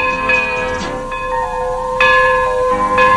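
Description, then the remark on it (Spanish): A loud tower bell striking the hour tolls in steady strikes about a second apart, each ringing note overlapping the lingering hum of the one before. “Es la campana de la torre dando la hora.”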